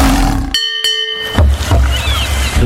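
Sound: lion roar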